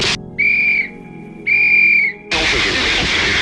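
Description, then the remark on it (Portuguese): Two shrill, high-pitched warning whistle blasts, an alternative alert method for villages in mountain valleys, sound, a short one followed by a longer one, before a loud burst of broad, hissing noise takes over. “recorrendo a métodos alternativos de alerta, tais como gritos, apitos ou os sistemas de som instalados nas encostas das montanhas”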